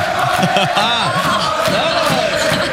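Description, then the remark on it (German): A loud, dense crowd of Austrian football fans cheers and shouts together as they enter the Radio U1 Tirol studio, voices overlapping in a steady roar with rising whoops and chant-like calls throughout. “Wow, da geht's richtig zu. Ja, richtig viele da.”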